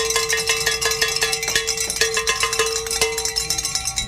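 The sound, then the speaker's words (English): Several hand bells are rung together by a radio team during a Covenant Network call-in drive, in a rapid, continuous jangle, with bright metallic clangs and sustained ringing tones layered over one another for several seconds, with no talking. “And we get to ring the bells again.”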